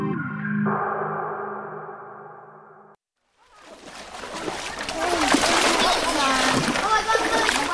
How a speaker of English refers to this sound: A dozen people, children and adults, peer intently into the muddy brown water of a shallow creek. They thrust small shovels into the creek bottom and dump the sand and pebbles into sieves.